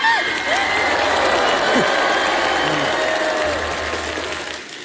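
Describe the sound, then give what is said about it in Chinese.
A steady wash of audience clapping holds at an even level for about five seconds, with a few voices murmuring faintly underneath before it eases off slightly at the end. “哎，你没有掌声挺奇怪的，反正。”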